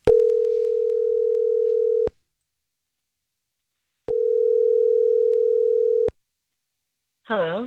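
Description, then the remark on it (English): A phone ringback tone sounds twice as a Star 101.3 radio host calls a woman about a date, each steady buzz lasting about two seconds with a matching pause between. A voice briefly answers right at the end. “I'm going to call her and just see what she thought of the date, okay?”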